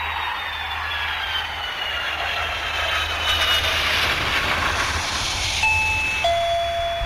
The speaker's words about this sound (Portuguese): Campainha tocou